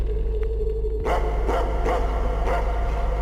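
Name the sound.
dogs barking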